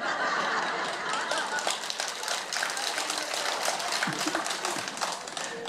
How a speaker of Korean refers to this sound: 이게 박수를 치는 게 비웃는 겁니까, 스님들?